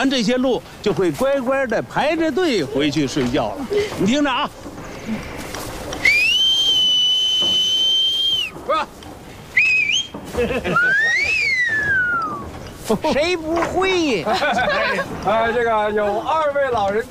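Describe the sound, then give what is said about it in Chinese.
A person whistles a signal call at the end of the day to call the animals back from the mountain, so they line up and return to sleep: one long, steady, piercing note, then a couple of short whistles and a rising-and-falling one, with people talking before and after. “下班的时候，我一个口哨。”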